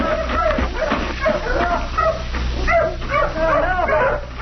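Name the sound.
dogs barking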